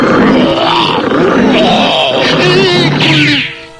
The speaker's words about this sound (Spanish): Pero hubo un animal que los atemorizó siempre. ¿Y cuál era ese animal? El terrible oso gris de 2.40 metros de alto y 300 kilogramos de peso.